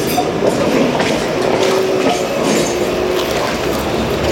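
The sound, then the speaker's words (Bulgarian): A tram rolls past, a loud, steady rumble of wheels on rails with a faint metallic whine running through it, filling the whole moment without any voices. “Трамвая!”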